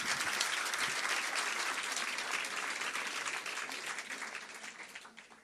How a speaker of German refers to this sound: Und nochmal einen Applaus bitte für den Slammer.